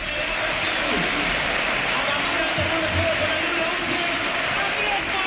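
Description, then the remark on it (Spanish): At the El Sardinero stadium, a large crowd applauds steadily as player Andrés Martín is substituted off, a dense, even wash of clapping that holds at a constant loudness for several seconds, with faint low voices and crowd murmur underneath. “Se va con ovación del campo Andrés Martín.”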